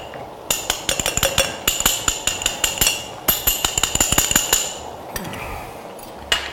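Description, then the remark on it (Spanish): A spoon rapidly clinks against the side of a glass while stirring cornstarch into about 120 to 130 millilitres of cold water, a fast, uneven run of bright metallic taps with a brief pause, then more stirring that tapers off. “Con una cuchara removemos la maicena. La maicena siempre con agua fría.”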